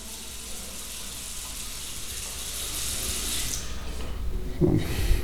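Tap water runs steadily in a bathroom, a continuous bright hiss and rush that shifts and thins near the end, with a few soft knocks in the last second.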